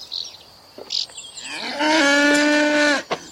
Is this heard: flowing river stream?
no